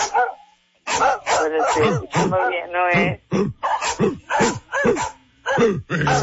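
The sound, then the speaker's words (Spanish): A dog barks over and over in a quick, uneven run of sharp, harsh yelps and woofs, loud, with only brief pauses between bursts. “Mi perra no ladra tan feo.”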